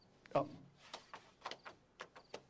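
A drawer is handled while clothes are put away in it: one solid thump followed by a string of lighter clacks and scrapes, irregular and fairly sharp, with no voices.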